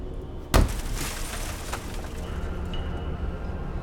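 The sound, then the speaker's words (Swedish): A single heavy thud with a crashing, shattering break inside a church, followed by a few seconds of scattered crackling and rumbling debris noise. No one speaks. “De tycker att det låter som någon studsar en tung medicinboll mot något som krossas.”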